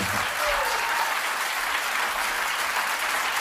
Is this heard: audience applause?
yes